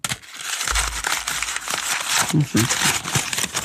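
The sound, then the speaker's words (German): A paper ball is crumpled and crinkled, a continuous dense crackling rustle lasting several seconds, with a faint voice murmuring briefly underneath. “der erste Papierball.”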